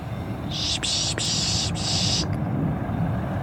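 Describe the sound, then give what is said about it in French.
A person makes a raspy, hissing screech imitating a bird of prey to draw birds in, held for nearly two seconds in a few joined bursts, fairly loud over a low background rumble. “On peut imiter un peu les rapaces ou certains bruits d'oiseaux pour les faire venir et pour dire ouais, je t'ai vu, viens voir.”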